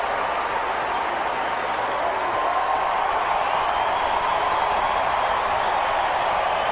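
A roaring sellout crowd of 42,572 at a Padres–Braves baseball game fills the air with steady, loud cheering and scattered clapping, a dense wash of noise that swells slightly and never lets up.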